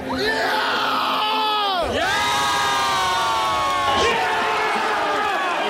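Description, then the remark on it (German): A large crowd of football fans cheers and yells loudly and continuously, celebrating the German national team's 7:1 win over Curaçao in its first World Cup match, many voices overlapping in a sustained, swelling roar. “Gestern Abend gab es viel zu jubeln für den Sieg beim ersten WM-Spiel der deutschen Nationalmannschaft.”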